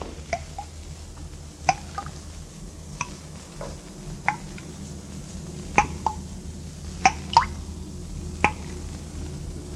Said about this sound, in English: No. Place is empty. Not a sound but the dripping water.